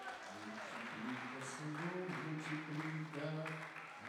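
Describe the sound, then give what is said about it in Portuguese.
A crowd at a church service claps steadily throughout to applaud the Lord, a dense wash of applause mixed with raised voices calling out and sustained vocal tones over it, sounding like a large gathering. “Pode aplaudir o Senhor?”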